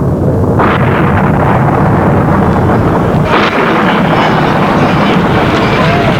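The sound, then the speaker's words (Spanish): A loud, steady roar of storm wind at the start of the deluge in the story of Noah rushes throughout, swelling in two sudden gusts or rumbling bursts early on and midway, with no voices. “¿Qué es eso? El comienzo del diluvio.”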